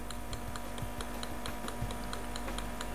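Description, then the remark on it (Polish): Small, quiet mechanical ticks repeat in a steady, fairly quick rhythm over a low background hum as a camera's autofocus hunts for focus during a one-time focus search before scanning a document. “No i znowu małe pyka, tak. Tykanie.”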